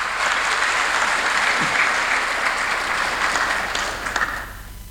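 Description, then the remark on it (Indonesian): A large crowd applauds steadily at a graduation ceremony for 349 graduates and their parents, a dense wash of clapping hands that holds strong throughout before tapering slightly at the very end, with no speech over it. “Ini luar biasa nih, tepuk tangan dulu buat IAKN dulu.”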